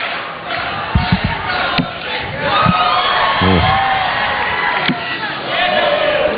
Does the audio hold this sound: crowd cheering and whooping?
yes